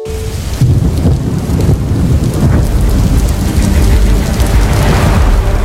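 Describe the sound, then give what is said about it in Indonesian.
A thunderstorm with steady heavy rain, deep rumbling thunder rolling continuously underneath. Loud, with no voices. “Hujan yang tiba-tiba terjadi dengan intensitas yang tidak menentu seringkali mengganggu aktivitas harian kita”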